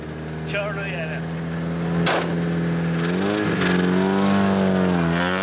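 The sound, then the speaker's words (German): An old, dented folk-race car in Sweden being driven a lap: a steady engine drone with a low harmonic hum that shifts pitch slightly as it runs, a sharp clunk partway through, and a faint rattly roughness over the continuous motor sound. “Sie sagt, er knattert. Aber das ist sicher nur die Antriebswelle.”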